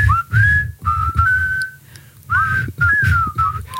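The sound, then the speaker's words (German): People whistle a clear melody of sustained notes and gliding pitches in time to a steady rhythmic musical backing with a thumping low beat, with no talking. “Und gleich pfeifen wir im Takt zur.”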